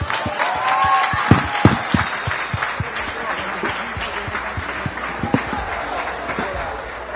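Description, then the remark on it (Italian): Sustained audience applause as Gianfranco Librandi is invited onto the stage at an Azzurra Libertà event, a dense steady patter of many hands clapping at an even loudness, with a few sharper individual claps standing out and faint voices mixed in. “Allora facciamo un caloroso applauso e invitiamo sul palco Gianfranco Librandi.”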